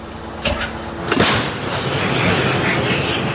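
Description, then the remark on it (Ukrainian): A Ukrainian Bohdana 155 mm self-propelled artillery gun fires a single loud shot near Chasiv Yar, a sharp blast preceded by a smaller thump, then a sustained rolling rumble and noise trailing off outdoors. “І королівські гармаші готові насипати по окупантах. Постріл!”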